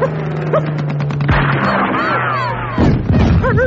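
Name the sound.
rifle gunfire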